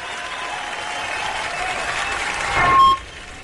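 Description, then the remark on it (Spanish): Steady applause from an audience, a dense crackle of clapping that swells toward the end, with a brief high beep near the close before it fades. “Un aplauso.”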